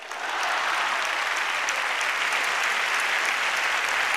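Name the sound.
audience ovation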